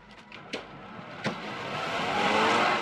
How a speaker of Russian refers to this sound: Бежит к машине. Садится. Поехали.